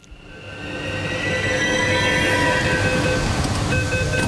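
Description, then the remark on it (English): Metro train doors opening at a station in Bengaluru at 4:30 p.m. on a Thursday, as a crowd of young boys in bright green polo shirts streams into the train, set against a steady rumble of the train with faint high squeals and hums building over a few seconds; no one speaks. “on a Thursday, and the metro doors open to a swarm of young boys in bright green polo shirts streaming into the train.”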